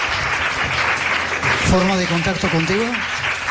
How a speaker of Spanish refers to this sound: Os pido un aplauso para ellos dos.